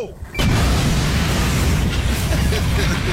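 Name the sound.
dynamite explosion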